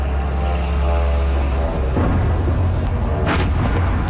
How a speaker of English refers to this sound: Witness video captures the moment a drone slammed into an apartment building in the Russian capital.